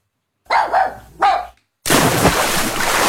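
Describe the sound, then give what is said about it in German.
A dachshund and a German shepherd at an outdoor swimming pool opened to dogs after the bathing season; a dog barks three times in quick succession, loud, then a steady burst of rushing, splashing water takes over and continues to the end. “Hey, da, der Dackel und der Schäferhund, nicht rennen am Beckenrand.”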